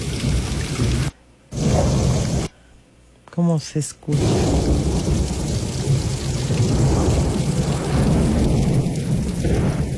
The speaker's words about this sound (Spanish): Oigan, allá en Galveston me está pasando el reporte. ¿Cómo se oye? ¡Qué rico! Hasta siento así como que ya huelo tierra mojada hoy. Hoy no más. ¡Qué rico! Truenos, relámpagos y rayos, ¿eh? Hoy.